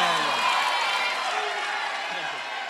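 A crowd applauds steadily throughout, a dense wash of clapping with voices cheering and calling out over it, fairly loud and sustained without a break.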